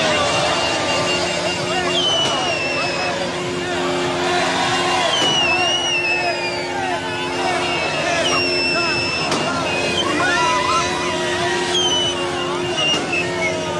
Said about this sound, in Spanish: Durante varios minutos, la zona se llenó de cánticos, porras y gritos, mientras automovilistas hacían sonar el claxon al pasar por el lugar, uniéndose a la celebración que convirtió la glorieta en un mar de colores verde, blanco y rojo.